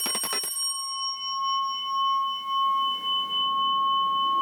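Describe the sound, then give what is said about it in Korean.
A Jeju shamanic ritual instrument gives a quick burst of bright metallic clatter, then one loud, resonant tone that rings on steadily for several seconds with high shimmering overtones. No one speaks. “네, 되게 소리가 정말 크고 울림이 있잖아요. 근데 이거는 제주도 굿에서 쓰이는 거예요.”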